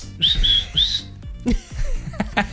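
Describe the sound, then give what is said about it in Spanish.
A person whistles three short, shrill rising blasts in quick succession, mimicking a referee's whistle, followed by a few scattered clicks and knocks. “Árbitro, árbitro. Itín. Ay, ¿cómo se chifla?”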